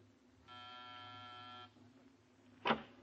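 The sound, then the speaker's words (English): A door buzzer in a building corridor in the Miracle Mile District of Los Angeles is pressed, giving one steady, harsh electric drone lasting just over a second, then falls silent before a single sharp click. No one speaks. “Pause and press a buzzer.”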